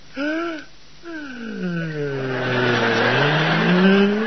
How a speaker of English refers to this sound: Well, turn off the engine, Pop. All right, all right. Now, hang on, everybody. I'm going to turn off the engine. There.